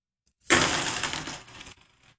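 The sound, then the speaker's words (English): About fifty 90% silver half-dollar coins are dropped onto a hard tabletop in a bright, jangling cascade, hitting the table and each other, ringing and clinking for about a second before settling with a few last taps. Fairly loud, no voices. “So I'm doing the 90%. Turn your radio up. I'm doing the 90% first.”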